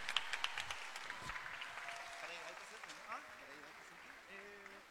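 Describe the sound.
An audience applauds the Totoral de Tomé arts company in a dense, continuous wash of applause, with a few sharp claps standing out early and voices calling out over it toward the end.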